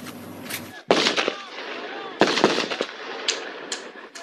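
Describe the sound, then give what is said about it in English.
Several sharp gunshot cracks ring out at irregular intervals, some loud, others fainter, over a noisy outdoor background with indistinct shouting voices, during a confrontation between Israeli settlers, some armed, and Palestinian residents in a village in the occupied West Bank. “Dozens of settlers, some of them armed, reportedly marched into a village in the occupied West Bank, setting off this confrontation with residents.”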